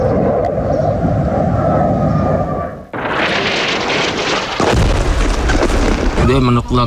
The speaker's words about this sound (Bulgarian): Детството ни е такова, че започваш да разпознаваш различните звуци, тези на експлозиите. Различаваме дроновете, F-16, други самолети и артилерия.